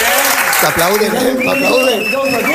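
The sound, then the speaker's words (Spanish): Steady audience applause for a few seconds, a dense wash of clapping hands, while a person speaks clearly over it. “El aplauso del público como que engancha, ¿no?”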